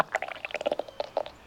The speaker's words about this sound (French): C'est le ventre de Toudou qui fait ce gargouillis. Toudou a le ventre qui gargouille parce qu'il commence à avoir faim.